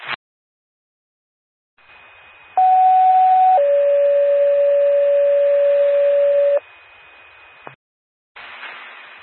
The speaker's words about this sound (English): Gerard Fire Department, this is a test of the Coupon County 911 paging system. Will a portable and mobile please respond?